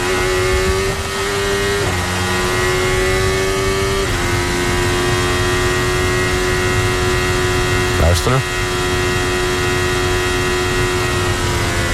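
Lewis Hamilton's Formula 1 car engine screams at a high, steady pitch, with sharp gear shifts around two, four and eight seconds and a brief burst of noise near the last shift.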